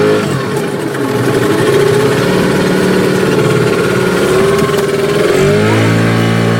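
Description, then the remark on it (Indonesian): A motorboat engine drones steadily and loudly throughout as the boat travels through the mangroves of Segara Anakan at Kampung Laut, a low rumbling hum whose pitch shifts slightly near the end as the motor changes speed. No one speaks. “Di Kampung Laut, perahu menjadi sarana utama transportasi”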